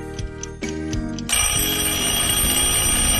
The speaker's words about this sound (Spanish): ¡Oh! ¡Qué temprano que sonó el despertador! Bueno, me voy a levantar porque con todo lo que tengo que hacer se me va a hacer tarde.